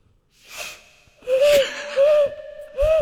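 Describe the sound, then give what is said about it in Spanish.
A person imitates an owl with three loud, breathy hoots in a steady rhythm, each a rising-and-falling tone, after a soft intake of breath. “Este es el búho.”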